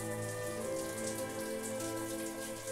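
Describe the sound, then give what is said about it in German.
Cool water is poured over the flippers of an animal named Annabelle by biologists to lower her temperature of over 39 degrees, a steady, continuous hiss with fine patter, while a constant tonal hum runs underneath for the whole stretch. “Das kühle Wasser soll ihre Temperatur von über 39 Grad reduzieren.”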